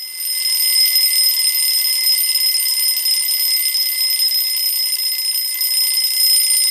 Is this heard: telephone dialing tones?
no